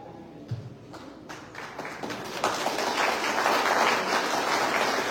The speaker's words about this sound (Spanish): Muchas gracias por las palmas, querido pueblo de Coracora.